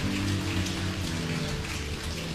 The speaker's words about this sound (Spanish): Bendito sea el Señor. Denles un aplauso.